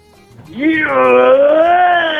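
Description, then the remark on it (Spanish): A caller on a phone line makes a drawn-out, wavering vocal cry rising from a quiet start, imitating a T-Rex roar or a meow, sustained and loud for nearly two seconds with a bleating, cat-like tone. “Ay, creo que es un T-Rex, mi querido cachorro. O tal vez es una gatita, no lo sé.”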